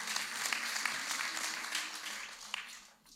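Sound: audience applause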